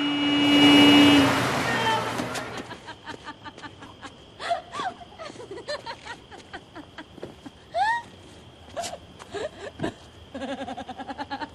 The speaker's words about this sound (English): They leap up out of the way of a car.